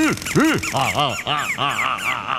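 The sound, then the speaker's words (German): Small song thrushes squawk and chirp loudly as they are stapled onto a board, a rapid run of about eight harsh, rising-and-falling calls packed together with no other sounds. “So, jetzt bloß noch auf die Hahnplatte tackern. Aber aufpassen, dass man den kleinen Sänger nicht wehtut.”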